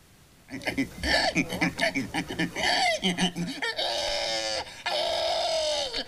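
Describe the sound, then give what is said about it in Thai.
Contestants at a pig-squeal imitation contest in Tartu, Estonia imitate pig squeals: a run of choppy, grunting squeaks, then two long, loud, shrill squeals with a rising wobble, a short break between them. “นั่นก็คือเสียงหมูนั่นเองค่ะเป็นการแข่งขันที่เมืองตาตูของเอสโตเนียนะคะ”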